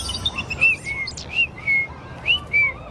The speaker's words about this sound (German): Das war kein Spatz, das war so ein kleiner Piepmatz mit ganz roter Brust. Ach, dann war das ein Rotkehlchen.